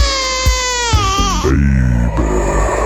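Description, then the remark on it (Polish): A baby wails loudly, one sustained, strained cry whose pitch swoops downward and then breaks into rougher, sobbing bursts, with no talking around it. “Gdzie jest Bobas? Tu jest!”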